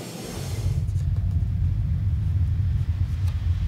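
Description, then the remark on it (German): A deep, steady low-frequency rumble, muffled and continuous, of a train passing through a railway tunnel directly beneath a house in Brienz, with no voices present. “Er wohnt direkt über dem Bahntunnel.”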